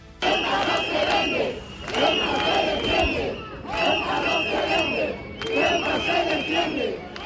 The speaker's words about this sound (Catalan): Aquest és un dels càntics que han repetit durant la marxa fins al Tarajal, amb tot de banderes espanyoles i europees, a més de pancartes reclamant la protecció del territori de la ciutat autònoma i la dimissió del delegat del govern central.